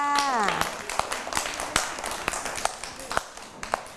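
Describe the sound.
Children clap their hands in scattered, uneven claps, about eight sharp smacks over a few seconds, while a brief voice glides at the start and soft chatter murmurs underneath.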